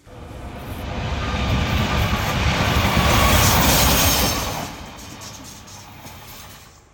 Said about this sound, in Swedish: Ja, det där var ju ett tåg som rusade förbi i rätt hög hastighet.